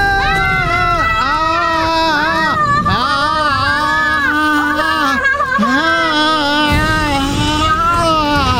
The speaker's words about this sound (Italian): Che è sto urlo? Ha fatto pure vomitare donna Pompino. È il mio urlo di terrore.